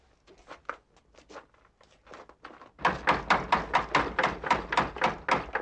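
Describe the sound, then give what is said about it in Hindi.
Knocking on a door, starting with a few soft, scattered raps, then becoming a loud, steady run of about a dozen knocks in quick succession, with no voices. “दरवाजा खोलने से पहले पूछो कि कौन है।”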